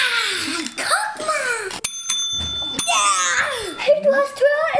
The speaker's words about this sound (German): Wer es zuerst geschafft hat, darf auf die Glocke hauen und den anderen sein Bauwerk präsentieren.